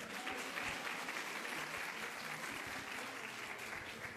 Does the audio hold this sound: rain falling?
no